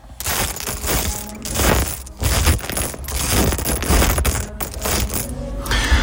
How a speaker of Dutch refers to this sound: Spelen met de Lego die ik voor mijn 40ste verjaardag heb gekregen.